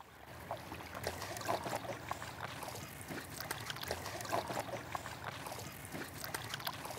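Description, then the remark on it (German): A boat glides along calm river water near Lüneburg, Germany, with a steady low hum and gentle, continuous splashing and lapping, no voices, just an even wash of water sound throughout. “Aufs Wasser, oder? Los geht's. Gut. So, jetzt sitzen wir alle in einem Boot.”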